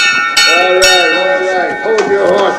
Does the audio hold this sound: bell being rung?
yes